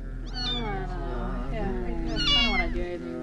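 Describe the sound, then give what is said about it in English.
A dying kitten meows plaintively, two drawn-out, wavering cries that rise and fall over about three seconds, with a steady low hum underneath. “What's wrong with the kitten? Oh, it's dying, man.”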